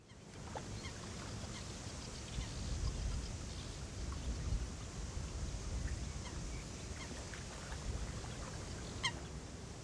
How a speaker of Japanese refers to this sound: 運河を巡らせたのどかな田園地帯。ここオランダのキンデルダイクはたくさんの風車が並ぶ村です。